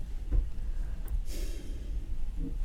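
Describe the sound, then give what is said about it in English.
A single short, breathy gasp of surprise, a quick sharp intake of air, with soft low background noise around it and no talking. “You're like gasping and putting your hand on your chest.”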